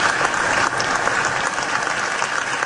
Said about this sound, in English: And Graham Nordone sworn in, the Senate chamber burst into applause.